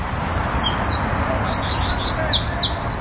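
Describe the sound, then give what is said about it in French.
Birds sing and chirp steadily, a busy run of quick, bright descending notes over a soft background hiss, continuous throughout with no voices. “Et comme un symbole, le chant des oiseaux disparaît.”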